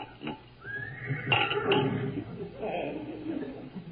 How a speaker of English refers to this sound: It's funny. It almost sounded like a horse. Funny, there it is again. And it did sound like a horse. Like it was right outside the house, in fact. Now, how could I hear a horse? Good grief. There is a horse out there. Two horses.